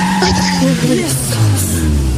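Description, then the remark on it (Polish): A car engine hums and whines steadily, its pitch shifting as the vehicle drives, with a faint tire squeal and a voice talking in the background. “To nie są nagrania z twojego samochodu?”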